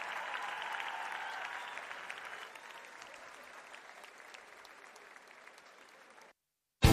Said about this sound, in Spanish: Un aplauso grande.